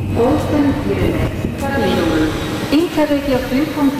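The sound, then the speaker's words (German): An SBB train (Interregio 55 to Zürich Hauptbahnhof) rumbles steadily along the rails on the way to Olten, Switzerland, with a continuous low roar, while a voice talks over the rolling noise throughout. “Und für das habe ich natürlich den Zug genommen.”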